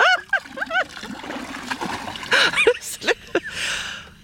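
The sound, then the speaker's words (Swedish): Water is poured out from a bailer and splashes down in a few bursts over about four seconds at Mölle, with brief voices and vocal sounds mixed in at the start and in between. “Jag tar ett öskar och så häller jag ner här nu.”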